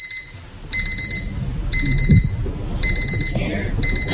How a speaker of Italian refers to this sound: Sono la tua sveglia che ti chiama e ti dice che sta iniziando Top of Music.